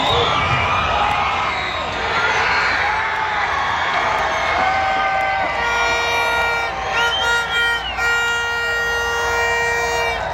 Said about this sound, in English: A thunderous celebration moments ago at BC Place as Canada scores again against Qatar in front of a packed home crowd. Here's what it sounded like outside of the stadium.